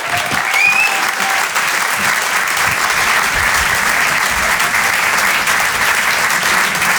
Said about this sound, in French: On peut l'applaudir très fort lui aussi.